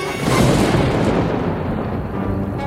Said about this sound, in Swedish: Men innan de hann avfyra kanonen hördes en annan smäll. Det började åska.